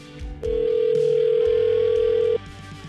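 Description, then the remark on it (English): A single outgoing-call ring tone sounds as radio hosts phone a man live on air, a steady, clear electronic buzz lasting about two seconds before cutting off, with a low hum underneath and no one speaking. “We're going to offer to pay for the second date if he says yes, but we got to call and get him on the phone right now.”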